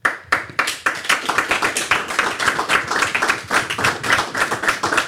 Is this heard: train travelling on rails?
no